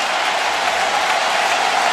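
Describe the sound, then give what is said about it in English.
A large baseball stadium crowd in Atlanta at a Braves–Dodgers game rises and cheers, hoping for another strikeout, in a steady, loud, hissing roar that holds at an even level for the full two seconds, with no voices standing out. “Well, the crowd rising in Atlanta.”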